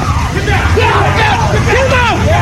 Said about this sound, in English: The crowd calling to the president as he emerged from the Washington Hilton Hotel.